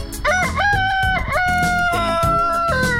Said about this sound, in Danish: En hane, der galer i nabolaget. Det er det mest hyggelige lyd nogensinde, synes jeg.